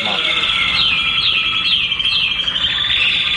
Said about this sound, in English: Now, occasionally you get a really loud bird, and you cover them up so they'll stop singing. So you have some white cloth that you put over an individual cage if there's a really screecher bird that it's just annoying you.